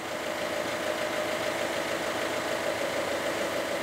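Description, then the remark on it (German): A steady, continuous engine drone from two new 110 hp boat engines runs at constant volume throughout, a dense mid-range hum with a faint tonal whine. No voices. “Sie funktionieren. 2x 110 PS.”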